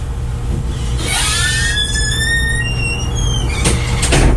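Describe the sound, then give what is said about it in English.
A sliding door squeals as it rolls shut, its high scraping whine rising over a couple of seconds before ending in a sharp clunk as it closes, all over a steady low background hum. “And while I'm thinking of it, I'm going to just close the door here.”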